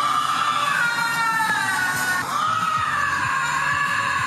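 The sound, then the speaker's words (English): A lynx lets out a long, eerie, almost human-sounding wail at night, its high pitch wavering and bending as it carries on without pause, loud and unaccompanied by any talk. “is actually just the sound that a lynx makes.”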